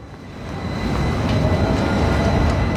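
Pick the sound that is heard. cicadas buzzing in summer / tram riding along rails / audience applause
tram riding along rails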